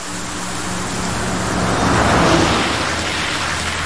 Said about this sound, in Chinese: 师傅，这下雨天，您还是慢点吧。